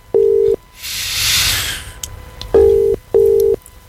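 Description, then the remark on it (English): An outgoing phone call: three loud, steady electronic tone bursts, each about half a second, with a whooshing hiss between the first and second. No one speaks. “Let's make a phone call.”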